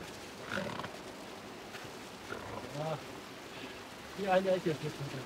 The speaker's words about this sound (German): Doch noch strömt Wasser in die Kammer.